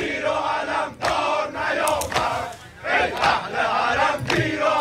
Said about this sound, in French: Les participants tiennent des photos du leader suprême, de la musique religieuse est diffusée et régulièrement des chants de soutien à Khamenei éclatent dans la foule.